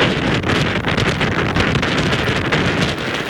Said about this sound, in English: The storm bringing high winds, heavy flooding and big waves, forcing airlines to cancel hundreds of flights and knocking out power to more than 100,000 homes and businesses. The storm pounded the coast from Washington up to Maine.